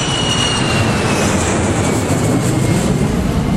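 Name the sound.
airplane in flight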